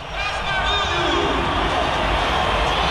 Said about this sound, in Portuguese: Mais de 100 decibéis, tremendo MetLife Stadium nesse momento, a torcida verde e amarela.